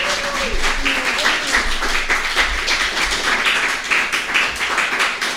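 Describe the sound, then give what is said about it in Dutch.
A crowd applauds steadily for several seconds, dense overlapping claps forming a continuous roar of clapping with a few brief vocal sounds mixed in. “Oh, echt applaus. Echt applaus.”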